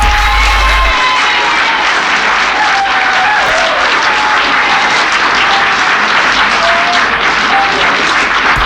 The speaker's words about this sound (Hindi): तो चलते हैं तालियों की गूंज में,